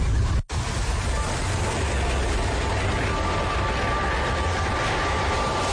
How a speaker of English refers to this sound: Oh, you see, it's all the ice and the wind and the sea sounds that are getting you